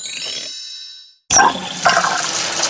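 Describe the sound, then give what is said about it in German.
A metallic clank rings out and fades into a brief silence, then water suddenly gushes loudly and keeps running steadily, as a faucet is repaired and then turned on. “Die Reparatur des Wasserhahns geht auf Kulanz.”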